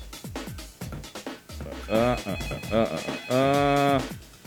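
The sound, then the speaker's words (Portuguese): A telephone ring, imitated by a voice on a Rádio Ondas broadcast, comes in two loud, buzzy, sustained bursts, following a run of quick clicks and short voice sounds. “Calma aí, não precisa ligar não, vai ver que é o chefe.”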